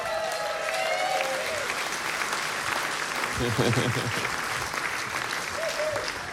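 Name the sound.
audience applause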